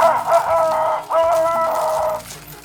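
A rooster crows loudly, a drawn-out call lasting about two seconds with a brief break partway through. No one speaks over it.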